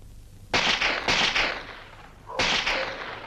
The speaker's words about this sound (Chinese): 这时枪声大作，其实这是韩老六的心腹李青山为了制造混乱特意打的。